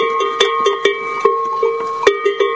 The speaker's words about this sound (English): "Here's my chance," she cried, and off she charged, clopping and clomping down the track. Her cowbell clattered wildly.